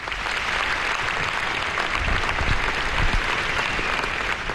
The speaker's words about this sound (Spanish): Entre aplausos esa despedida final.